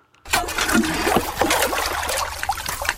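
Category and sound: nature, water flowing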